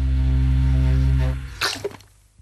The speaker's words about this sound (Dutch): Wacht even, een slokje water.